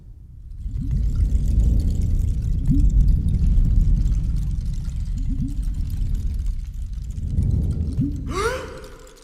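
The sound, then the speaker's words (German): Water pours steadily into a cup for several seconds, a gurgling splash whose pitch rises toward the end as the vessel fills, then stops. No voices. “Ist das für mich? Ja, mein Engel. Nicht mehr und nicht weniger als Wasser.”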